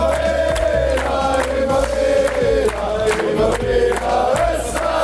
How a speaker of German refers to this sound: Wir jubeln hoffentlich zum ersten Mal bei dieser WM am Morgen des 17. Juni um 6 Uhr in der Früh ist am Mittwoch Anpfiff gegen Jordanien. Das Jubeln kann man aber jetzt schon mal üben, oder?